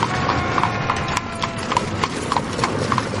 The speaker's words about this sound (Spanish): Un solitario carruaje tirado por dos caballos negros asciende la cuesta de Cowgate en dirección a la cárcel. A medida que se acerca a su destino, el sonido de los gritos lejanos se mezcla con el repiqueteo de las ruedas de madera sobre el suelo.